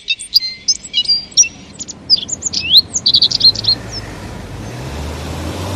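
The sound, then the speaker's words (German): Small birds chirp and twitter in quick, bright bursts for several seconds on a warm, cloudless morning over a low, steady roadway rumble, then the birdsong falls away and only the hum remains. “Draußen ist es warm und laut geworden und die Vögel sind auch weg.”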